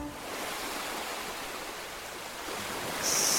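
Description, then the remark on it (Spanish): A steady wash of ocean surf fills the whole stretch, a broad hissing roar that swells slightly louder near the end as a brighter, airy spray rises over it. “Estamos en pleno mar.”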